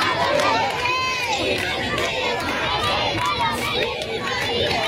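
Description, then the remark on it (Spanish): A large crowd at the Royal Palace in Madrid, Spain, cheers and applauds Pope Leo XIV as he rides past standing in the popemobile, in sunshine, with many overlapping excited voices and shouts forming a loud, dense wall of sound throughout. “Mucha alegría, aplausos, vítores a León XIV.”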